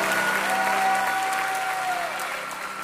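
Sustained applause from an audience, a dense wash of clapping holding steady for a few seconds before easing slightly, with a faint tonal whine running through it.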